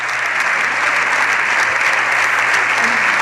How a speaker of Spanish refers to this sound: De hecho, acaba de terminar Patxi López. Se levantan los diputados y diputadas estos socialistas para aplaudir a López.